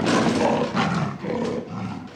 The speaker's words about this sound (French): Des sandales léopard. Wow. Quand tu marches, tes pieds rugissent, quoi. La grande classe.